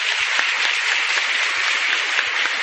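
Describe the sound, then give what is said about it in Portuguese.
An audience at Mass applauds steadily to welcome visitors from the São Francisco de Assis community of Nova Descoberta, a dense wash of many hands clapping at an even, sustained loudness with no voices over it. “Então, aos nossos visitantes, aos nossos irmãos lá da Nova Descoberta, a nossa acolhida e as nossas palmas.”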